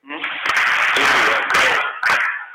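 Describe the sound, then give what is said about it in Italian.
A group claps in unison five times to welcome the fourth-grade children, candidates for first communion, sharp loud claps spaced roughly half a second apart, over a steady wash of crowd noise and voices. “Allora noi facciamo 5 applausi perché...”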